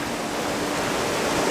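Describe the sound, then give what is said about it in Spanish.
Loud, steady roar of rushing torrents, small streams swollen by days of heavy rain flowing into the Vela river, floodwater churning and surging without pause, a dense wash of noise with no voices. “Y los pequeños arroyos se han convertido en grandes torrentes.”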